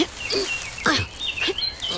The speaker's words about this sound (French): J'entends le chant d'un moineau. Hein? Un moineau?